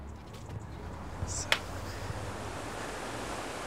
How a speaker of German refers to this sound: Auf dem Weg zur Bar liegt der Neustädter Wasserfall. Dort runter, mit ihrem aufblasbaren Kanu, zu gefährlich.